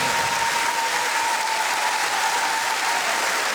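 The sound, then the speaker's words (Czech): Loud, sustained audience applause for singers at an evening final in Crikvenica, a dense wash of many hands clapping at a steady level throughout, with no speech over it. “Oba dvoje su ovdje gromke. Gromke aplauze.”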